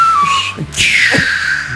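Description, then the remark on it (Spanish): A person imitates a whistling 'chiflador' firecracker with their mouth, a sustained tonal whistle that slides in pitch, rising sharply then gliding downward, fairly loud with no talking. “Cuetones todos los días. 5 de marzo. ¿No? De esos chifladores, ¿no?”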